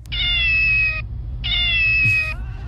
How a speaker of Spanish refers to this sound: Sí, mira, escucha a este gato.